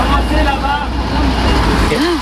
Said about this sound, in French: Oh là. Le poids lourd, on l'entend, touche même un lampadaire de la commune. Ouais, c'est le lampadaire, mais t'as pas le choix.